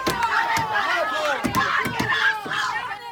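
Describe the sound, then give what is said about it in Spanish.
A crowd shouting "murderers" in angry, overlapping voices at the arrival of the Guardia Civil van carrying two detainees in Hornachos, Badajoz, Spain. A dense wall of yelling with sharper bursts rising out of it every half second or so, loud and continuous throughout. “Gritos de asesinos y mucha tensión a la llegada a Hornachos en Badajoz del furgón de la Guardia Civil con los dos detenidos por el crimen de Francisca Cadenas.”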